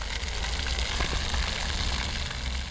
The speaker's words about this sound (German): Im roten Pflaster ein flaches Brunnenfeld. Wasser plätschert, Kinder laufen hindurch.